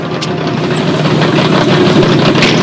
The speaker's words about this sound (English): They peel off, leaving the other car foamy and flat-tired.